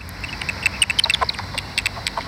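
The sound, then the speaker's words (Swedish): Common pipistrelle echolocation calls recorded at sunset in Stadsträdgården, Uppsala, heard through a bat detector that converts the bats' high-frequency calls into audible sound: a rapid, irregular stream of short, dry clicks and smacking chirps, fairly high-pitched, over a faint steady hiss, with no talking. “får utslag på detektorn som översätter djurens högfrekventa läten till ljud som vi kan höra.”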